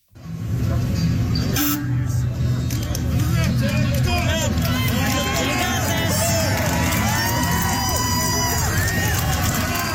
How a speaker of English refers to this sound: A crowd cheers on Tim Norris in his hometown of Smiths Falls last year